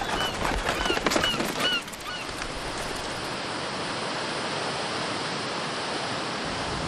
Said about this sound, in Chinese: 生态水来源于阿尔塔什水利枢纽，水库下泄的滔滔河水即将遇到叶河上游的第一道闸口喀群引水枢纽。